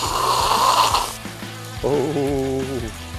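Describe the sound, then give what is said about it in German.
While cooking, hot fat sizzles and spatters loudly with water for about a second in a harsh crackling hiss, then stops abruptly. A short wavering, voice-like tone follows over a low rumble. “Fett, heiß, Wasser.”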